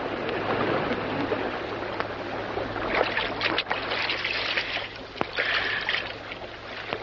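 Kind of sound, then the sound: sound effect, rushing water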